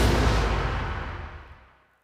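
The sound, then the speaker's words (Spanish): A loud, booming explosion bursts out at once with heavy low rumble, then slowly fades away over about two seconds. No voices are heard. “¡Bum! Así suena el reventón del día de Ahorramás.”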